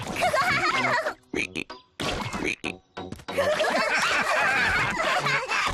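Several quick, splashy thumps as Peppa and George jump in a big muddy puddle, pretending to be frogs, come in short bursts, mixed with giggling, snorting laughter and a little playful chatter.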